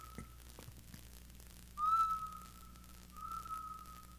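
A person whistles two long, steady notes, the first louder and the second softer, preceded by a faint brief toot, over a low background hum with no talking.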